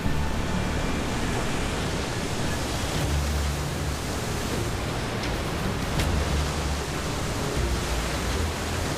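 ocean waves breaking

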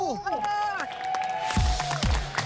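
audience clapping hands

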